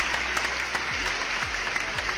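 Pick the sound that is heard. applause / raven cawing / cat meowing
applause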